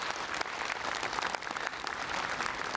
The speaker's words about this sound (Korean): 다시 한번 큰 박수 부탁드리겠습니다.